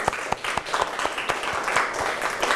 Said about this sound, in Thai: ถ้าพร้อมแล้วก็ปรบมือให้ตัวเองอีกครั้ง